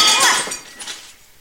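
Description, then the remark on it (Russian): A glass bottle is smashed against a bar, shattering with a sharp, bright crash, followed by a brief tinkling of falling shards that quickly fades. Loud, heard alone. “Джордж в ярости разбивает бутылку о бар, неподвижно стоит, держа за горлышко остатки бутылки.”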